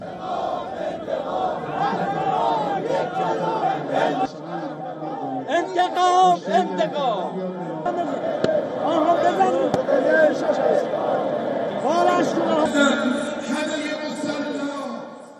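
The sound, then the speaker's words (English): A massive mourning crowd covering the entire courtyard of Grand Masala rises in continuous rhythmic chanting and shouting of death to America and Israel, loud and sustained, with waves of overlapping cries and no single speaker standing out. “These are the visuals of a massive crowd that had covered the entire courtyard of Grand Masala.”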